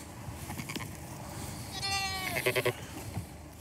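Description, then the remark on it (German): A sheep, among sheep and lambs spread over several pastures, lets out a drawn-out, wavering bleat, followed right away by three short, quick bleating pulses, over a low rustling background with no talking. “Die Schafe und Lämmer stehen auf mehreren Weiden verteilt.”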